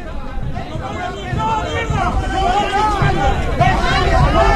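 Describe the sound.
A crowd of football fans, young people arguing with an older person, shouts and yells at once, overlapping calls rising and falling in a loud, continuous hubbub that swells slightly partway through.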